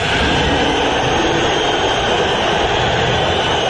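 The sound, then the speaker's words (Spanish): The Atlético de Madrid stadium crowd whistles at player Julián Álvarez at the end of the match as he leaves the pitch, in a loud, dense, unbroken wall of shrill sound that holds steady for the whole stretch, with no voices rising above it. “Al final del partido, Julián se fue de la cancha separado de sus compañeros, sin saludar a la hinchada del colchonero, y podemos escuchar los silbidos y lo que dijo al respecto el Cholo Simeone en conferencia de prensa.”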